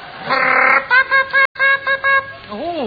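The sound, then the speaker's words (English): A motor car horn honks: one long, blaring blast, then a quick run of five short toots, ending with a wavering, bending honk. “I'm a motor car, do you hear?”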